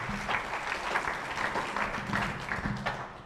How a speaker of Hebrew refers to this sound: כפיים לתלמידים שלנו.